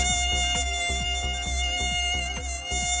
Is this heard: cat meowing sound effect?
no